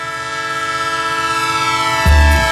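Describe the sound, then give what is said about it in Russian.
A loud, sustained train horn blares over the low rumble of a moving train, ending in a heavy, booming clatter of the cars near the close. “Поехали на поезде к родственникам на юг.”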